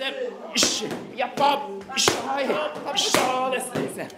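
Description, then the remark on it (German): Several sharp, smacking punches from elderly seniors at kickboxing land on their trainer's pads at an irregular pace, a few hitting noticeably harder than the rest, while voices call out and talk over the blows. “Das knallt richtig.”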